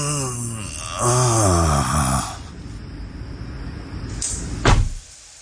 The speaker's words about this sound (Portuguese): Fecha a porta como um velho a fazer força.